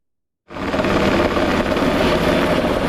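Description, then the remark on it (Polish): After a brief silence, the loud, steady roar of a police Black Hawk helicopter starts abruptly and holds as a dense, continuous rumble, with no voices. The helicopter is fighting a forest fire, taking on water from a nearby reservoir every few minutes and dropping it over the burning area. “Policyjny śmigłowiec Black Hawk co kilka minut nabiera wody z pobliskiego zalewu i zrzuca ładunek nad płonącym obszarem.”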